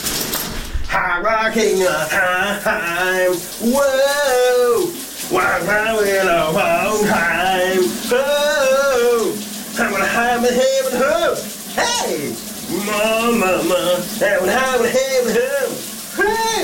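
A man sings a wavering, drawn-out summer song melody with echo in the shower while a steady hiss of running shower water pours underneath throughout, with brief pauses between his phrases.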